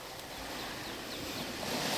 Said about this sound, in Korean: 바다에는 여느 때처럼 파도가 치고 있었고 나는 플라스틱 의자에 앉아 그 물결을 바라보았다. 저 끝에서 저 끝까지 이어지는 물결을 눈으로 젖히며 나는 생각했다.